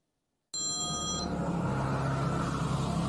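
A phone rings once, a short bright electronic trill lasting under a second, over steady low rumbling road noise like the inside of a moving car.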